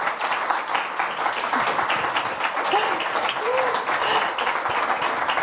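Steady audience applause for a guest who has come onto the stage, a dense wash of many hands clapping at an even loudness throughout, with a few faint cheers or voices rising briefly within it.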